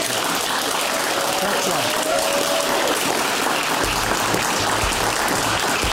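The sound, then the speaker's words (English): A studio audience claps loudly and steadily, a dense wash of applause filling the whole stretch with no pause, sustained throughout. “So anyway, big round of applause, please.”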